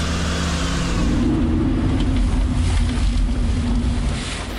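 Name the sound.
car arriving and parking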